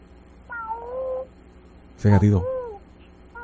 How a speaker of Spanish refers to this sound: Válgame, un gatito. ¿Ah? ¿Qué rayo?